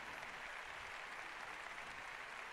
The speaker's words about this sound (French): Les acclamations des fidèles à la suite du mot de remerciement de leur pasteur, leur évêque.